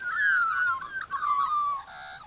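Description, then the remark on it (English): A black-backed magpie carols from its gum tree on a promontory, a rich, warbling run of fluting notes that glide and waver, clear, continuing for a couple of seconds with no voices. “There he goes again.”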